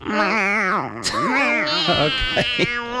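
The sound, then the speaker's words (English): Two children's voices imitate cat meows during a radio show, a string of loud, high-pitched, wavering mews that rise and fall, sometimes overlapping, with a few short squeaky bursts near the end. “Can we show you our cat voices?”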